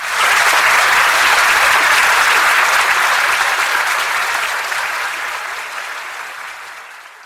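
A crowd at a live show bursts into loud, dense applause, many hands clapping in tempo at once in a steady roar that gradually fades toward the end.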